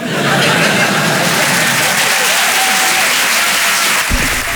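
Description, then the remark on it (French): Loud, dense applause from a large audience, a steady wash of clapping that fills the whole clip, with a brief dip near the end. “Il y a des gens qui ont arrêté d'applaudir dès qu'ils ont vu ma tête.”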